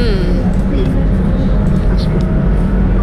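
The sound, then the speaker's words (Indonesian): A continuous low rumble of busy street traffic on Jalan Veteran fills the scene, steady, with engine drone and faint higher hisses, while indistinct voices murmur underneath. “Melaporkan dari Jalan Veteran. Inilah wajah baru Jalan Veteran.”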